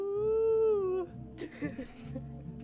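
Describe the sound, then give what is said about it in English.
A person lets out a single sustained, high-pitched wolf-like howl that wavers slightly and lasts about a second, followed by faint breathy noise and shuffling. “Let me just howl to the moon.”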